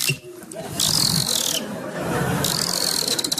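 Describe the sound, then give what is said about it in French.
A voice imitates a dolphin: two bursts of high, shrill squeaking with a rapid clicking texture underneath, each lasting under a second, fairly loud. “J'ai dit attends, est-ce que tu veux que j'imite le dauphin?”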